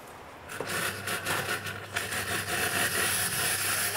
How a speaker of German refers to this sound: Die Kaffeemaschine streikt.